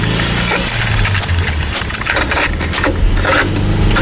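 A car engine starts and idles with a steady low rumble, broken by a few brief sharp clicks. No one speaks.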